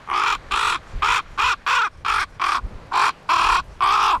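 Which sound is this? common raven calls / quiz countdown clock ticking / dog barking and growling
common raven calls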